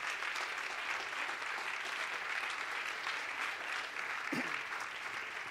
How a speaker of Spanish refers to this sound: Denle ese aplauso al Rey.